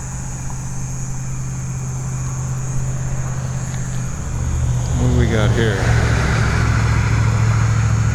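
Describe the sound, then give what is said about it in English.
A local car's engine swells and sweeps past on a road in the middle of the night over a steady low hum of traffic, growing louder midway, while a person speaks briefly over the traffic. “Why is there so much traffic? It's the middle of the night. And it's not trucks, it's all cars.”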